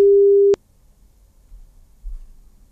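A single steady telephone ringing tone from an outgoing call placed by the German radio station Radio Paradiso sounds for about half a second, then cuts off abruptly, leaving faint low line rumble and near silence.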